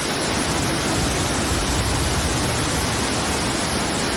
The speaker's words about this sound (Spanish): Como cae, esto es torrente, donde se han llegado a acumular cerca de 100 litros por metro cuadrado. Ha llovido mucho en muy poco tiempo. Una tromba de agua que ha anegado calles y el metro de Valencia.